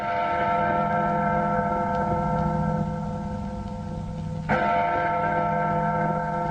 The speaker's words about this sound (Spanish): Las campanas de la iglesia parroquial de Caibarín, puerto del norte de Cuba, no cesaban de tañer, como si dijeran el último adiós a uno de sus hijos más queridos, Manuel Álvarez Álvarez, Manolín.